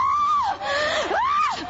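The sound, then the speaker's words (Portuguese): A crowd screams loudly and continuously during an exorcism prayer, shouting to Jesus, voices wailing up and down in pitch in long drawn-out cries with no words spoken. “Vai gritando pra Jesus queimar.”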